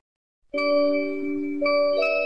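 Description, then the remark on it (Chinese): A school bell chime marking the end of the 2026 gaokao college entrance exam rings out clearly after a brief silence, three sustained electronic tones sounding one after another and overlapping as they ring, with no voices. “随着考试结束铃声响起，考生们陆续走出考场，家长们纷纷上前，现场温情四溢。”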